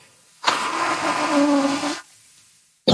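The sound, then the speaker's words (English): A person blows their nose once, a loud, wet, rasping honk lasting about a second and a half, with a low buzzing tone running through it, then quiet and a brief burst of sound. “I have to blow my nose because I can't hear you.”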